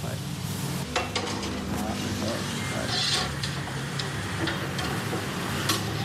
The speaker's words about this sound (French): Voilà, et les autres aussi, les calmars, les crevettes, sont maintenant à la braise qui est vive. Hein. Il y a même des flammes, là. Ah oui, parce qu'avec l'huile de coco qui tombe sur la braise.